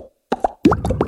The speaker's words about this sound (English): This is an Aero. Mmm. And this is the sound of its minty bubbles.